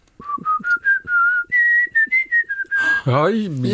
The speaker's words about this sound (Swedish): Nej, men jag kan nog vissla på några …-sånger faktiskt. Får jag höra en? Jag kan prova en.